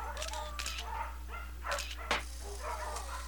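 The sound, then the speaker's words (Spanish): Several dogs, Gotitas and Chomp, bark and yip playfully in quick, overlapping bursts, moderately loud, with a steady low hum underneath, as they play with administrator Kevin Shepherd at the Segunda Oportunidad dog shelter. “el administrador Kevin Shepherd jugaba con sus perros, Gotitas y Chomp, y con Garcilaso, un loro que se creía perro.”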